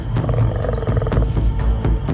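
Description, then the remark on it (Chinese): A pride of lions roars and growls at night in Botswana while preparing to attack an elephant calf, in a deep, rumbling, continuous stretch, loud and throaty with a rough, pulsing texture, and no one speaks. “此时，在博茨瓦纳夜色的掩护下，这群狮子正静待良机，准备对一头大象幼崽发起进攻。”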